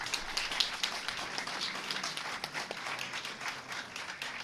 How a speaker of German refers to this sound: Einen Applaus für